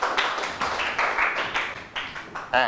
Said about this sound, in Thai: นักเรียนปรบมือให้เพื่อนถูกต้องหมดเลย